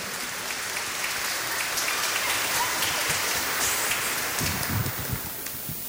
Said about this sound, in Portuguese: Uma salva de palmas bem bonito para os catequizandos e para as catequistas.